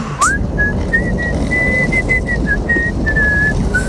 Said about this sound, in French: Est-ce que pour se quitter, vous pourriez me siffler un petit truc?